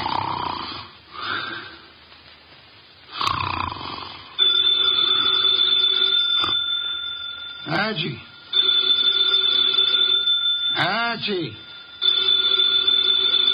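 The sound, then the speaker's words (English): An old-fashioned telephone bell on a desk in an office rings loudly and almost without pause for several seconds, while nasal snoring breaths from a man sitting in a chair rise beneath it and a voice briefly calls out. “The phone, if you please”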